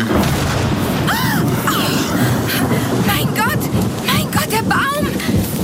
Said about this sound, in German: Dieser blendende Lichtstrahl. Diese gewaltige elektrische Entladung.